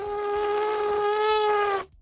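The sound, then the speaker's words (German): A person imitates an elephant's trumpet with their mouth, a single sustained, reedy, buzzing tone held for nearly two seconds, thin and high enough to resemble a whining mosquito more than a trumpet. “Ihr Elefant klingt aber eher so ein bisschen nach Mücke, finde ich.”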